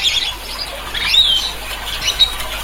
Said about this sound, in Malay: Kicauannya yang terdengar parau atau agak kasar dengan volume yang sedang dan bernada pendek. Jenis burung sampiri atau nurita laut kini terancam punah.